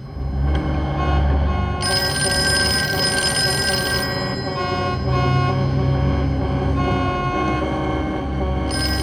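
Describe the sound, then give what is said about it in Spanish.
A telephone outside rings insistently, its bright metallic tone layered over a steady low rumble and hum, with no voices and a sharper burst of ringing partway through. “Es el teléfono de afuera.”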